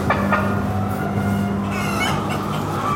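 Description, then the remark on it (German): Many chickens cluck and murmur together in a dense, continuous chorus, with a few sharper calls standing out over a steady low barn hum, in the winter garden, the outdoor area of an experimental poultry barn, as many chickens come toward the visitors. “Weiter jetzt noch kurz in den Wintergarten, den Außenbereich des Versuchsstalls. Ja, jetzt kommen ganz viele zu uns.”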